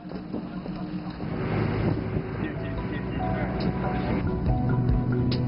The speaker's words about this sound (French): Je pensais que nous allions monter sur ce bateau, mais en fait, nous allons être sur un bateau à moteur, donc il va faire encore plus froid.